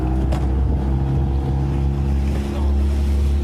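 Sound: motorboat moving on water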